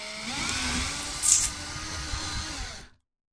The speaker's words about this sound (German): Okay, Bohrmaschine. Also es riecht schon mal richtig nach Kokos. Vielleicht solltest du ein zweites Loch bohren, dann würde das Wasser mit hoher Wahrscheinlichkeit besser herausfließen.